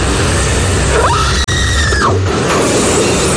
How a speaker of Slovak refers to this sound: No, tak zase sa tam jačí. Toto všetky horory sú na jedno kopito.